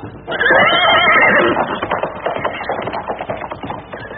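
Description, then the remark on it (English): A horse lets out a loud, shrill whinny, then a run of quick hoofbeats clip-clops steadily as the animal moves off. “Get on my horse.”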